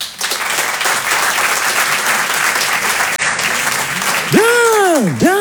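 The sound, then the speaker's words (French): An audience at a comedy sketch applauds in answer to the question of who has read Racine: sustained, dense applause lasting several seconds, and near the end a loud swooping vocal cheer rises and falls twice over the clapping. “Par applaudissement, qui a déjà lu du Racine?”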